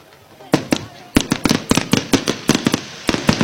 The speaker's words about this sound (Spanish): Ahí hay un estallido bastante fuerte de pólvora, así que si no lo escuchó, se lo hago por medio de imaginación.